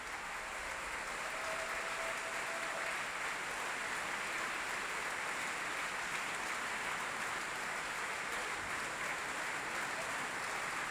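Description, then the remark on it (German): Sustained, dense applause from a large opera audience fills the whole stretch at a steady, even level, with faint cheering mixed into the clapping, as the whole ensemble stands on stage and the orchestra has risen in the pit. “Das gesamte Ensemble auf der Bühne, das Orchester hat sich im Graben erhoben. Viel Jubel”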